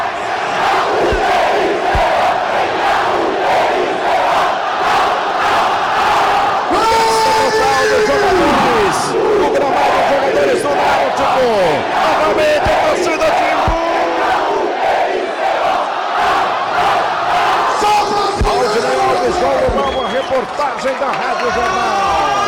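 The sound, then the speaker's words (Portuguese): A dense stadium crowd of Náutico (Timbu) football fans roars and chants continuously, loud, with rising whoops and shouts layered over a steady wall of cheering voices, celebrating a win in Brazil's Série B. “A festa era a torcida do Náutico, naturalmente também muita comemoração do Hélio dos Anjos.”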